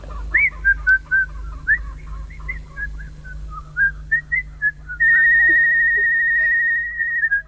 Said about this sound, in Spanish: Ahora silba.